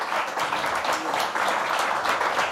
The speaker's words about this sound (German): ich finde, es hat nochmal einen Applaus verdient, dass wir hier 9 Künstler und Künstlerinnen hatten.